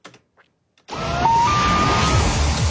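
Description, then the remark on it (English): A common loon's long wailing call, played on 680 News radio to introduce the Cottage Country traffic report, slides up in pitch and holds a clear, sustained tone, sounding over a loud, steady rushing noise that starts abruptly after a brief quiet moment. “That sound of the loon means it is now time for Cottage Country traffic on the nines.”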